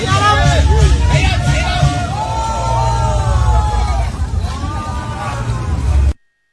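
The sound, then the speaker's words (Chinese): A crowd at a riverside dock in Jiangkou community, Nan'an subdistrict, on the Xijiang (West River) bursts into loud, continuous cheering as the first fishing boat comes ashore after the fishing ban ends, around 9 a.m. on July 1, a dense hubbub of overlapping voices with rising whoops and shouts for about six seconds before cutting off. “当第一艘渔船靠岸，岸上便爆出一阵欢呼。”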